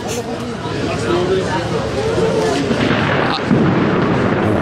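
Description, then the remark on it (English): Thunder rumbles through a steady, dense roar of heavy rain in Mexico City, heard from a small pub, with a sharper crack partway through and indistinct voices murmuring underneath. “Not sure if you can hear that thunder above.”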